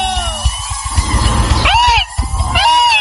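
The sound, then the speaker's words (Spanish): Two loud, high-pitched Mexican grito yells, each a rising and falling falsetto whoop, ring out over thumping, busy corrido music. “Y a esa raza que le gustan los corridos, raza, ¡un grito, raza!”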